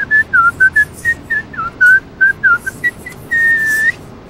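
Someone whistles a quick, slightly wavering tune of about a dozen short notes while signing their signature left-handed, then holds one longer note at the end. The whistle is clear over a faint background hiss.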